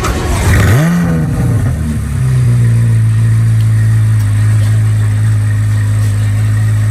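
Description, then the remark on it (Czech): A Corvette sports car engine gives one quick, loud rev, then drops back to a deep, steady burbling idle that rumbles on alone. “No a pokud dneska vyrazíte někam do obchodu shopovat a budete si chtít koupit třeba auto, tak určitě si nekupujte nic jiného než korvetu, protože právě ta má svůj svátek.”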